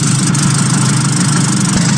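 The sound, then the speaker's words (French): A Piaggio Vespa scooter engine runs at a steady idle, giving off a continuous metallic buzz with a low droning hum beneath a bright, hissy upper edge, unchanging for the whole stretch. “Un bourdonnement métallique singulier.”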